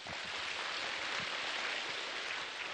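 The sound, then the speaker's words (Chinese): Steady, dense applause from an audience thanking a teacher for his talk, a continuous crackling wash of many hands clapping at an even level for the whole stretch, with no voices over it. “我们也再次用掌声感谢他的讲述好吗？”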